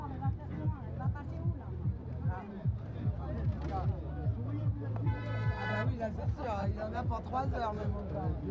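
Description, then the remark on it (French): A truck horn blares in a sustained honk midway through from angry truck drivers who wanted to get through a roadblock, over a low engine rumble and a busy murmur of voices talking throughout. “Qu'est-ce qui se passe ? Ah, c'est des camionneurs qui s'énervent.”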